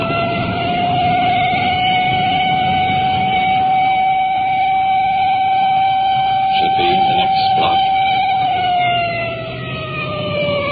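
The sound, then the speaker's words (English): A loud police car siren wails at a steady high pitch before sliding downward near the end, while a person speaks briefly underneath it. The police car is approaching intersections on an emergency run. “As we approach approach each intersection, that siren hits such a high peak it's almost impossible to talk.”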